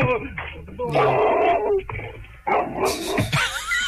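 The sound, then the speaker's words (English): A giant dog barks and whines in loud bursts across a few seconds, with voices talking over and between the barks. “And there's a giant dog that's going to get me.”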